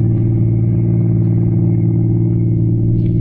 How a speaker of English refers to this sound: For the next evening at 8, he was behind the wheel of a car, rolling smoothly along a lonely highway.